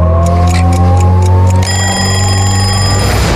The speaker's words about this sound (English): When the clock ticks at 6:30,